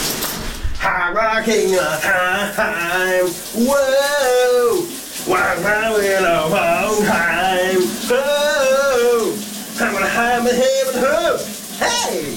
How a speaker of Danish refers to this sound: Det er tid til, at vi lige får badehatten på og åbner brusedøren